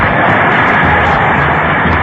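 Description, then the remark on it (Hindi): Loud, thunderous applause from a large crowd, a dense and steady roar of clapping that holds evenly for about two seconds with no voices heard above it. “ये तालियों की गड़गड़ाहट जो अभी आपने सुनी, उस समय पर क्या माहौल रहा होगा आप अंदाजा लगा सकते हैं।”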